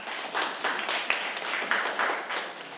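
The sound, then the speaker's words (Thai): A group of students clapping in class for a classmate who answered correctly, in a steady, dense burst of applause that lasts a few seconds at a moderate, even loudness, with no voices. “เดี๋ยวเรามาดูเฉลยแสดงว่าเพื่อนตอบถูกไหมครับถูกปรบมือให้เพื่อนด้วยนะ”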